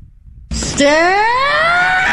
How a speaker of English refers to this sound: All right. I mean, there you go. That's what Tigers fans want. They want him. They want him. I like that scream, though. I think I might try to do that in the streets and see how people respond.